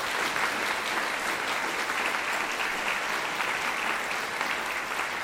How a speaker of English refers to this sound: Getting applause there for his performance with the Melbourne Chamber Orchestra and the second movement of the Violin Concerto in C by Franz Joseph Haydn.